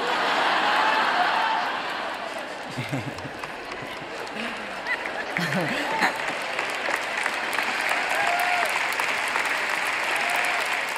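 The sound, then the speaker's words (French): A crowd breaks into sustained applause, a dense wash of clapping that holds steady for several seconds, with a few faint voices and whoops rising above it before the clapping continues. “Ça ne mérite pas des applaudissements, n'est-ce pas?”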